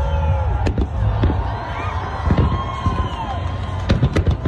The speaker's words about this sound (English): the Macy's 4th of July fireworks show went off without a hitch, and they went big